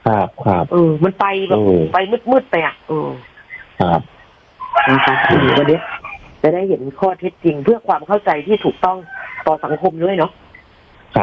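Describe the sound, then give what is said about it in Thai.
A loud rooster crow rings out for about a second in the middle as a phone call comes in, set between stretches of quick conversation from several people talking. “เข้าใจว่าสายมาแล้วค่ะได้ยินเสียง ได้ยินเสียงไก่ขันแล้วครับไปรับสายก ัน เลยฮะ เพราะว่าคงไม่มีไก่ขนาดนี้เดี๋ยวไปรับสายกัน”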